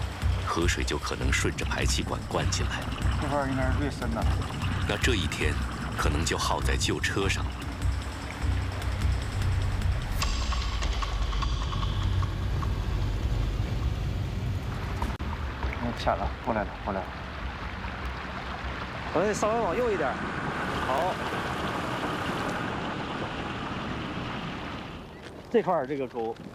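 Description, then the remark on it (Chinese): An off-road vehicle churns through a river nearly twenty metres wide in one go, its engine rumbling low and steady beneath rushing, splashing water, loud throughout, with people talking intermittently over the noise. “旋转入水点，一气呵成驶过去，一旦犹豫，熄火。”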